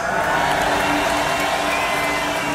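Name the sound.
festival crowd cheering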